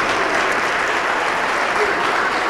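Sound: audience applause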